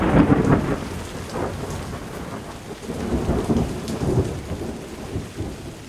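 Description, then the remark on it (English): A thunderstorm with heavy rain hissing steadily and deep rolling thunder rumbling through, swelling loud at the start and again midway, with no voices. “The air trembled with lightning. Thunder and horrible cries for help from the drowning people.”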